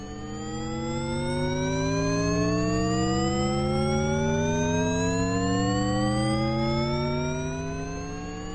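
A dense stack of pure electronic tones glides slowly and steadily upward, sustained and loud, forming a continuous rising drone of sine waves with no voices; a piece of experimental music from the 1970s.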